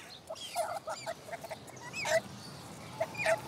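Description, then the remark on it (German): A hungry, injured young stork being hand-fed gives a run of short, squeaky chirping and begging calls in quick irregular bursts, with no talking. “Er hat Hunger, Gott sei Dank. Das ist unser kleiner Unglücksstorch, leider Gottes.”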